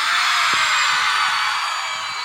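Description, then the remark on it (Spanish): A live-show audience of fans called 'atorrantas' roars and shouts together on request, a dense sustained wall of high-pitched screaming and cheering that fills the whole stretch without pause, slowly easing off toward the end. “Solo quiero escuchar el grito de las atorrantas presente aquí.”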